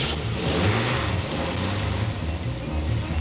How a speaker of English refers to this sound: And as the truck started down the old narrow dirt road